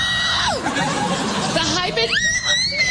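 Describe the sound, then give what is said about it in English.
A voice imitates a drunk woman out with her girlfriends crying: a high, warbling wail that sweeps down, then rises into a long, strained, sobbing cry, with crowd chatter and laughter underneath. “And when a woman gets drunk out with her girlfriends, have you ever heard the drunk chick cry?”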